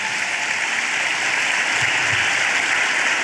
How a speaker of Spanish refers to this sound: Denle un fuerte aplauso al Señor esta tarde.